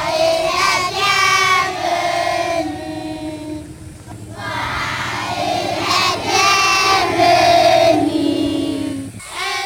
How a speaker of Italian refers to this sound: Imbocchiamo uno sterrato e improvvisamente ci troviamo davanti a decine di bambini che intonano una canzone per noi.